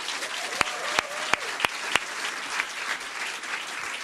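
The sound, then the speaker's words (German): An audience breaks into applause for a poetry slam performer, a dense wash of clapping with a few sharp, louder claps standing out near the start, sustained for several seconds. “Applaus bitte”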